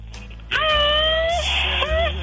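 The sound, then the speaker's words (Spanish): A shrill, high-pitched, machine-gun-like yell sound effect in an old woman's voice bursts out after a brief pause and holds for nearly two seconds, loud and wavering, with a quick dip and rise near the end. “Y así la viejita echará su grito ametrallador.”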